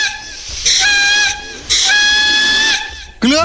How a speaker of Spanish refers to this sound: Se me trancó el pito, no pude tocar.